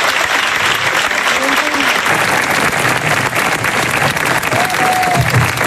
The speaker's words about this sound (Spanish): El aplauso de Majestad del Rey, que se dirigía a Luis de la Fuente y al resto de internacionales.